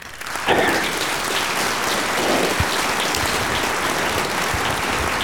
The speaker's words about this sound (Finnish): Oikeinkin asialliset aplodit tähän väliin. Kiitoksia tuosta.